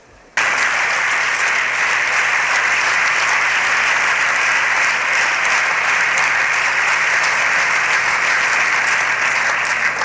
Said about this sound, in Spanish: Se han puesto de pie varias bancadas aplaudiendo a Paz y López.